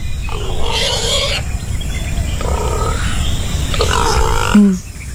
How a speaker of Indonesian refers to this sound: Panjang umur memang babi ni.